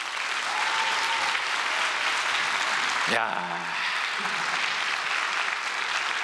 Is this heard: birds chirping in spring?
no